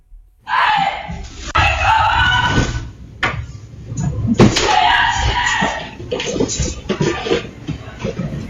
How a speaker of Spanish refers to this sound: Este es el vídeo que ha colgado la propia … en las redes sociales, vídeo en el que vais a escuchar sobre todo sus gritos.